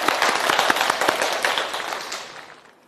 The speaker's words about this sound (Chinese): 老师来为大家示范诵读，我们掌声欢迎。